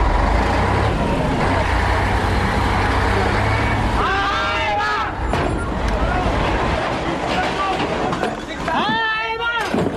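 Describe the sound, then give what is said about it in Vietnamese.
Heavy vehicles of a rapid mobile anti-aircraft artillery company (Company 1, Battalion 1, Air Defense Brigade 297, Military Region 2) moving out during a training drill: engines rumble and drone steadily, with squealing brake or mechanical whines rising and falling, and a murmur of voices beneath the continuous roar. “Âm thanh mà các đồng chí và các bạn đang nghe được chúng tôi ghi lại tại một buổi luyện tập phương án Đại đội Pháo Phòng không Cơ động Nhanh của Đại đội 1 Tiểu đoàn 1 Lữ đoàn Phòng không 297 Quân khu 2.”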